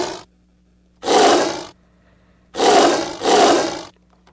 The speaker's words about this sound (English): So we have, for example, this lion roar sound.